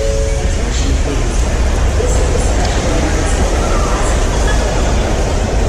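Busy train station ambience at Union Station in Washington, D.C., the second busiest train station in America: a steady, fairly loud wash of rail rumble and echoing background noise, with indistinct crowd chatter blending in throughout.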